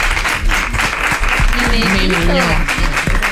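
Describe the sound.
A crowd applauds loudly and steadily for the director of a programme, a dense wash of clapping filling the whole moment, with voices cheering or talking over it partway through.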